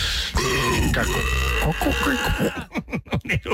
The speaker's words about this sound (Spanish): Un eructo horrible. Ya, perdónenos, por favor.